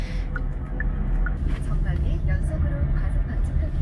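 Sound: inside a moving car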